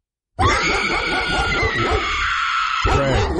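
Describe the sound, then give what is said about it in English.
A pit bull barks loudly, a harsh, strained stretch of barking that runs almost unbroken for about three seconds after a moment of silence, played as a clip in a Guess That Bark game. “Pit bull? Yeah, that'd be a pit bull.”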